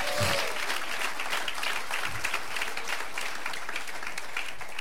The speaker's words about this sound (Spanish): ¿Cuántos dicen amén y le dan palmas de alabanza al Señor, hermano?